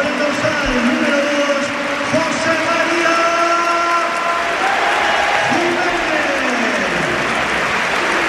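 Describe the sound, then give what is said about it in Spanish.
A large stadium crowd gives a sustained, roaring ovation for the departing Uruguayan player Jiménez as he is substituted off for Lenormand. Steady applause and cheering fill the whole stretch while a man's voice talks over the noise. “sale Lenormand y esta es la ovación que se lleva el uruguayo que se marcha a calle acontecido, no se lo puede creer.”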